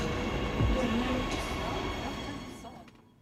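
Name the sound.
subway train running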